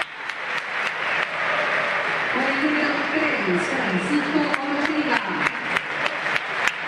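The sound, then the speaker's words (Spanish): A large stadium crowd applauds Otamendi steadily, a dense wash of clapping with scattered sharper claps, while a murmur of many voices and faint cheering rise beneath it. “Muchos aplausos para Otamendi, ¿eh?”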